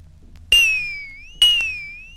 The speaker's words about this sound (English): Number 17 was a brass bell.